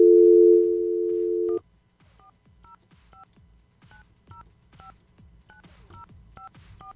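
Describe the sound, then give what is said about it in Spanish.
A steady dial tone cuts off, then a rapid series of short, evenly spaced telephone keypad beeps follows as a radio host dials a listener's number, each tone crisp. “Ay, creo que marqué mal. ¿Marqué mal yo o...? Vamos a intentarlo nuevamente.”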